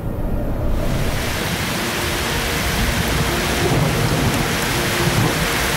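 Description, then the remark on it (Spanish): Heavy rain pours steadily with a dense, hissing roar, while deep rumbles of thunder roll underneath throughout; the heavy rain has fallen for days over mountain valleys around a freshwater river. The storm is loud, with no voices present. “ecosistemas de agua dulce se ven influenciados por la lluvia.”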